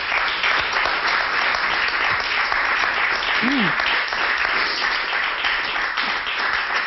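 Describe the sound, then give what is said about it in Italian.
Sustained audience applause, a dense, even wash of many hands clapping at steady loudness throughout, with a brief faint vocal cry rising out of it midway. “Come non farlo questo applauso?”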